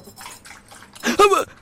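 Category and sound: food or drink, tea being poured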